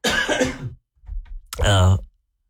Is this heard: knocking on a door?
no